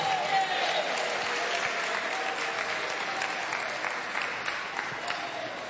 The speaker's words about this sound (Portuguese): Quem aplaude a Jesus e dá glória a Deus.